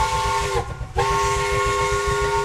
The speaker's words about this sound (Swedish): Loket visslar och rökplymer stiger mot himlen.